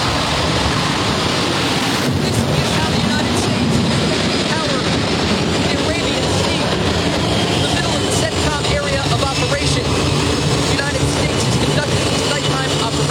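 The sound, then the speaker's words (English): A loud, unbroken roar of jet engines on the flight deck of the aircraft carrier USS George Washington in the middle of the night as fighter jets are prepared for launch, an F/A-18 Super Hornet among them; a dense rushing wall of noise that holds steady without letting up. “It's the middle of the night aboard the USS George Washington as the noisy flight deck is preparing to launch fighter jets into the dark abyss.”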